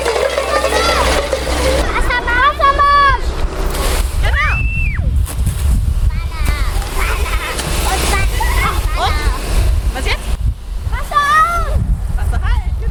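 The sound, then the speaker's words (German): A fire hose sprays water in a steady, loud rushing hiss throughout, during a kindergarten fire-safety lesson for preschool children with the volunteer fire brigade in Weißenborn, while high-pitched voices call out and talk over the continuous spray. “Wassermarsch. Genau, zweites Vorwassermarsch, ne? Und jetzt aufdrehen.”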